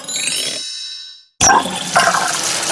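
A ringing metallic clang fades into a short silence, then rushing water bursts in with scattered clanks and clatter as a water faucet is being repaired. No voices.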